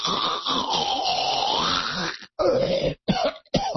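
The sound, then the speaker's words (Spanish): A person imitates snoring with one long rasping, throaty inhaled snore followed by a few shorter guttural snorts, fairly loud with no talking. “Entonces ya tienen ahí todos mis sonidos de mis roncadas simuladas, que probablemente mi mujer escuche las mismas en la noche.”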